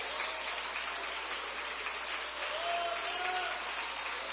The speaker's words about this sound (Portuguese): Pode aplaudir, pode.